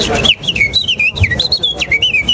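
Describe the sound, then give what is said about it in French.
Someone whistles a quick, warbling imitation of the song of warblers, birds of coppice thickets, bright notes rising and falling in a continuous run for about two seconds, fairly loud with no talking. “Si c'est des taillis, ça va être des fauvettes.”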